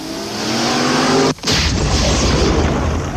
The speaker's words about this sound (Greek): Η αυτοσχέδια βόμβα έσκασε αφού είχε περάσει το αυτοκίνητό του.